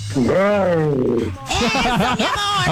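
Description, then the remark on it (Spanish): A person imitates a tiger roar: one drawn-out, voiced growl that swells and falls for about a second, followed by loud, rapid, excited vocalizing. “Sí, para oírlo con otra vez, pero échale ganas al rugido.”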